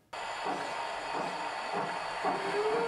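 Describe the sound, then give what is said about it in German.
A 1:32-scale model railway train runs along its tracks on a 600-square-metre layout in the basement of a listed building, with a steady rumbling, hissing clatter and a thin rising squeal near the end. “Hier fahren alle Züge noch pünktlich und es gibt kaum ein Problem, das Männer nicht lösen könnten.”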